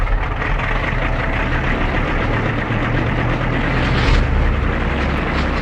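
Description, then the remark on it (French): A propeller airplane engine roars steadily as the plane takes off at 1 a.m. on a full-moon night, a loud, dense drone with a deep low hum that swells briefly before evening out. No voices are heard. “À 1h du matin, par cette nuit de pleine lune, il est temps de décoller.”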